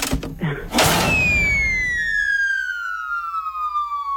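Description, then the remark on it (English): A cartoonish cannon shot, as if firing a meat tray to a listener: a sudden loud blast, then a long whistling tone that glides steadily downward as if a projectile is sailing through the air. “I'm going to send you the Friday meat tray right now via Canon.”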